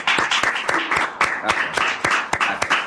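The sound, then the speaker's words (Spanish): Steady applause from a small group, dense overlapping claps with a few sharper, louder hand strikes standing out, continuous for the whole stretch. “Pues ahora sí, un aplauso.”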